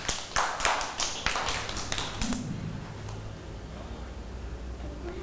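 A group of children claps hands in a brief, scattered burst of quick, uneven claps that lasts a couple of seconds before fading into a quiet room hum.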